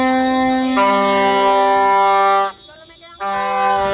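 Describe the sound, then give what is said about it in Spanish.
Loud, sustained siren and horn blasts with rich harmonic tones from dozens of ambulances circling the health department offices during an ambulance workers' pay protest in Santa Cruz de Tenerife and Las Palmas de Gran Canaria, holding steady for a few seconds, briefly cutting out, then blaring again amid a busy outdoor din. “Así, decenas de ambulancias circularon por los alrededores de las sedes con altavoces y con pitos pidiendo una actualización de las tablas salariales en un nuevo convenio, porque actualmente lo que cobran es el SMI.”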